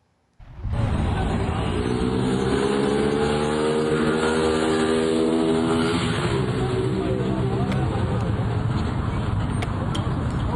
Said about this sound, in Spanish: El hombre aceleró en una motocicleta y huyó del lugar, dejando atrás a la mujer que lo acompañaba.